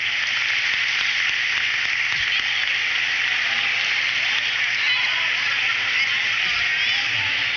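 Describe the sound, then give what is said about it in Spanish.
A crowd at a celebration applauds everyone steadily for several seconds, a dense, even wash of many hands clapping at once with no pauses, holding at a fairly loud level from start to finish. “Un aplauso a todos.”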